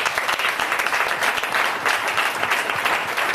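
A quiz show audience claps steadily for a guest after a correct answer, a dense, loud patter of many hands with no voices standing out and no pause in the applause.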